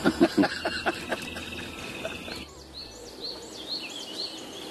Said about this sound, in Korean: 날도 좋고 새소리도 좋은 평화로운 오후.